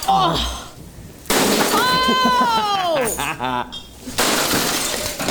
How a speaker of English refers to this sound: Should I just start hitting stuff? Let's go. Oh! Go! That was glass. Yeah, it was.